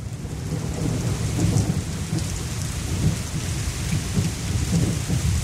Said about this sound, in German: Ich finde, man muss das auch mal einen Moment stehen lassen, denn so viel haben wir ja derzeit nicht davon. Der Regen, das tut gut. Oder so ein warmer Sommerregen. Und wir alle wissen, wie schön der riecht.